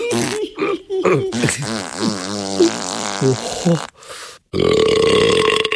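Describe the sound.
A voice imitates the rude wolf of a children's story burping and farting to shake a stone house: a string of exaggerated, loud noises with wobbling, croaking tones, a short rasping blast, then a long buzzy raspberry at the end.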